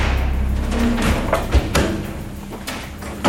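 A heavy armored blast door weighing several tonnes, with hinges 20 cm by 10, thuds shut with a few dull, booming impacts over a low rumbling background, fairly loud, with no voices.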